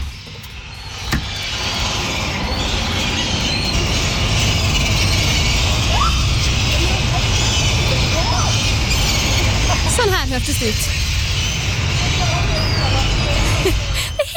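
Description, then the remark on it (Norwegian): Many gulls squabble outside a bedroom window at night, with scattered shrill, rising squawks in bursts around the middle and again later, over a loud, steady wash of outdoor noise. A voice speaks briefly at the start. “Det er helt måkekrig utenfor vinduet der.”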